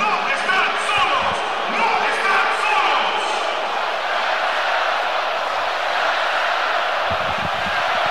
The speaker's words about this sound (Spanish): Y el estadio responde espectacularmente ante el aplauso del jefe, Gian Infantino, posicionado junto a Mikel Arriola en el palco de autoridades, el máximo jerarca de la FIFA, junto al máximo jerarca de nuestro fútbol, Mikel Arriola